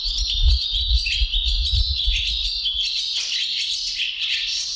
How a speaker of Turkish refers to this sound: Kırkırlangıcını Ensar Ertekin Bursa'da kaydettiler. E-Bird'in Kuş Sesi Kütüphanesi Macaulay Kütüphanesi'nde paylaştılar.